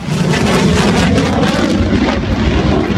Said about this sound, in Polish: To symboliczne powitanie najnowocześniejszych samolotów bojowych w historii polskiego lotnictwa. Trzy pierwsze F-35 przyleciały do Łasku pod koniec maja, a dziś wykonują uroczysty przelot nad najważniejszymi miejscami w kraju.